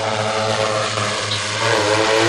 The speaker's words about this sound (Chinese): 用无人机将安全绳固定在导线上。